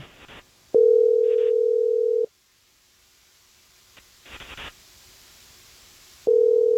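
A loud, steady telephone dial tone hums for over a second as a radio morning show places a call to a listener. It cuts to near silence with a few short noisy clicks and bursts, then the tone returns at the end. No one speaks.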